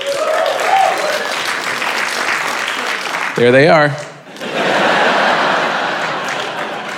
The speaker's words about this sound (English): I always love that clap. It's always very proud, and then they realize it's only like five people.